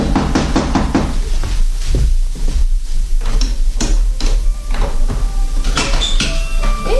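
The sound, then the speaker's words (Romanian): Several loud knocks rap on the closed wooden gate of a hut, followed by the creak and clunk of the gate opening. No one speaks. “Da, dar porțile sunt închise. Nu-i nimic. Ciocănim și ne rugăm frumos pentru niscaiva tăciune aprinși.”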